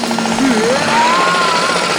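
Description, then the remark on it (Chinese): Loud, continuous jackhammer-style drilling by a renovation crew next door before dawn: a rapid, steady hammering over a dense roar, with a rising mechanical whine partway through. It sounds harsh, with no voices. “特别要感谢我们家隔壁的装修队，因为他们天还没亮就……”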